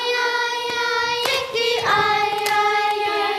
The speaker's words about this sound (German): 24 Mädchen und Jungen im Sommeroutfit sitzen bei heißen Temperaturen im wohltemperierten Chorsaal, klatschen in die Hände und auf ihre Oberschenkel und singen sich warm.